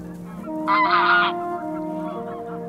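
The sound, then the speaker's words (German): A flock of Nordic geese on a lake in the morning cackling and honking continuously after spotting a fox, some keeping watch while others feed; one louder, harsh burst of honks stands out near the start, otherwise steady. “Die aufmerksamen Gänse haben den Fuchs längst entdeckt.”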